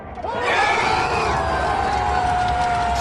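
A packed café crowd in Tunis, Tunisia, watching Morocco's football match on screen, erupts at the final whistle into loud, sustained cheering and whooping, with a steady wash of clapping and shouts rising together and holding strong to the end.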